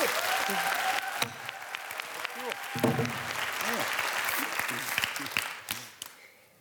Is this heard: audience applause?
yes